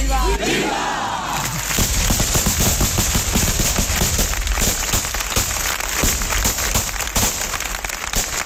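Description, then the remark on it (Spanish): A loud, dense barrage of celebratory blunderbuss shots fired at dusk as the veiled statue of the Virgin leaves for the mountain: sharp overlapping bangs crackling almost continuously for several seconds, following a brief murmur of crowd noise at the start. “Suenan los trabucos, la Virgen, ya tapada, ya velada, se marcha al monte.”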